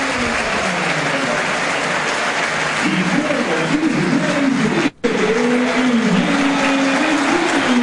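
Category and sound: crowd, stadium crowd applauding players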